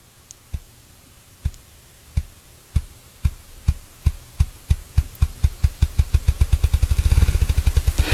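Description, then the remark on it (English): A bird drums with its wings: deep, hollow thumps begin slow and widely spaced, then speed up steadily into a rapid, blurring roll, heard clearly with no voices. “So if you heard that, it sounds kind of like a ping pong ball going faster and faster and faster and faster, and that's how they do it. They beat their wings faster, faster, faster.”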